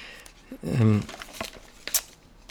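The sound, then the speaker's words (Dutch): Soft paper rustling and crinkling as the pages of a German magazine are leafed through in search of page 16, with a brief murmured voice partway through and a sharper page flick near the end. “Ik heb een Duits tijdschrift meegebracht waar iets in staat, ook over het Raspberry Pi zou, als ik het goed begrijp, stond het in dit Speicherpreise, pagina 16.”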